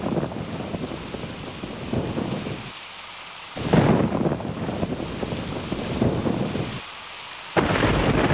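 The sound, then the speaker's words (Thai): Steady heavy rain hisses throughout as low thunder rumbles roll in, with a few abrupt cuts where the storm drops away before surging back loud. No one speaks. “พายุฝนฟ้าคะนองแล้วเราวิ่งเข้าไปหลบที่ตู้โทรศัพท”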